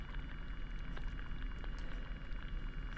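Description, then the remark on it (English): Hydrophone recording made at low tide in a saltwater bed, of seaweed and sea urchins underwater: a dense, steady crackle of tiny clicks and pops over a low, constant rumble, with no voices. “And the sounds that you are hearing are mostly seaweed and sea urchins, according to the recordist.”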